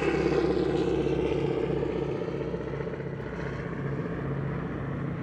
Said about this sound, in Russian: Над крепостью кружит самолет.